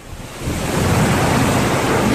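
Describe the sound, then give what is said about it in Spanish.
A heavy downpour in Sitges, in the province of Barcelona, flooding the seafront promenade of San Sebastián beach, pours down in a dense, steady roaring hiss that swells after the first half second and stays loud and continuous, with no voices. “Y vamos a escuchar el sonido de la lluvia en Sitges.”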